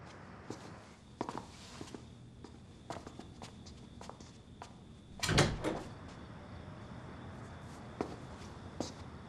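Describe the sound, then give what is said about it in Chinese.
Irregular footsteps tap across a room, then a louder burst of clatter around the middle as an unlocked door is pulled open, followed by more scattered steps. “你去前面那个门等我吧，我去给你开门。”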